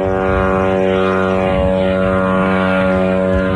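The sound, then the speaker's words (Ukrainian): A loud, steady propeller engine of an attack drone drones continuously overhead, its buzzing, harmonic whine holding at an even pitch throughout, during a drone attack in the middle of the day on Kstovo, Nizhny Novgorod region, Russia. No voices are heard. “У російському Кстово, це Нижньогородська область, посеред дня лунали потужні вибухи, а місцеві скаржились на атаку дронів.”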